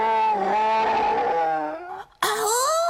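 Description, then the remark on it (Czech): A voice imitates a bear, growling in a deep, drawn-out rumble, then after a brief break a second loud growl, alone with no talk. It is Oskar, a friendly bear, greeting the children at Ušoun's fairy-tale kindergarten. “Kamarádi, Oskar vás zdraví a říká, že medvěd na člověka nechce útočit, protože člověk není jeho obvyklá sváča.”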